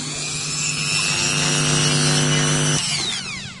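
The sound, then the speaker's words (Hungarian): In a glass bead making workshop, a small rotary tool grinds a glass bead under running tap water, giving a steady, high-pitched whine for a few seconds before the motor cuts off and spins down. No one speaks. “Viszont a csiszoláshoz vizet is kell használnunk. Most akkor ezt a gyöngyöt kicsiszolom.”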